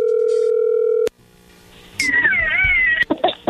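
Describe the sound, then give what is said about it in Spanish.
A steady, unbroken telephone dial tone hums for about a second and stops abruptly, followed after a short hush by a long, wavering cat meow and some brief clatter. “Bueno, a ver, ahí entra la llamada.”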